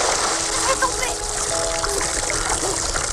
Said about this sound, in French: La scène, iconique, se termine dans les rires et les éclaboussures.